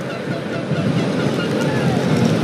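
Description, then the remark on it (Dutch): Steady, loud rumble of a motorcycle riding along a drying road in Vichy, France, after the first rain in weeks, with engine drone and wind roar filling the sound continuously and no clear breaks. “Pieter van Walleghem op de motor.”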